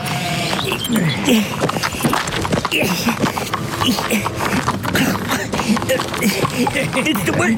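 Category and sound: animal, horse hooves clip-clopping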